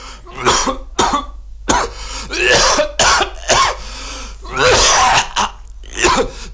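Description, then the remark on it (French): A man coughs and clears his throat repeatedly, harsh bursts and raspy hacking following one another in an uneven rhythm with no talking, from Christian Boltanski's work L'homme qui tousse. “L'homme qui tousse.”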